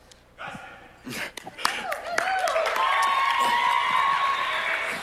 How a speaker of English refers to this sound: And this would have not been possible without our amazing youth leaders. Can we just give such a massive round of applause to them? Come on. They're awesome.